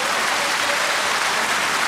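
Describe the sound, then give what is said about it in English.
Dense, steady hand clapping fills the whole two seconds, so thick and continuous that the individual claps blur into a loud applause-like wash with no talking. “I needed to clap for that.”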